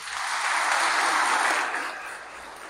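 An audience applauds together in honour of the Virgin Mary during a sermon, a dense, steady wash of clapping that swells briefly and then gradually fades over a few seconds, with no voices over it.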